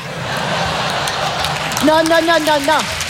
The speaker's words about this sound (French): Non, monsieur, dame, n'applaudissez pas, parce que c'est méchant.